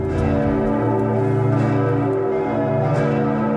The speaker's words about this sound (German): Die Glocken des Bremer Doms.